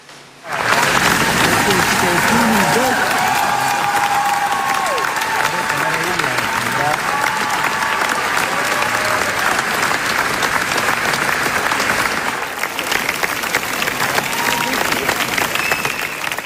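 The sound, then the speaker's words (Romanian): Sustained, dense applause from a large crowd, steady and loud throughout like a long ovation, with faint voices and cheers mixed into the clapping: a 12-minute standing ovation at the world premiere of Cristian Mungiu's English-language film Fjord at the Cannes Film Festival. “a avut premiera mondială la Festivalul de Film de la Cannes și a primit 12 minute de aplauze în picioare.”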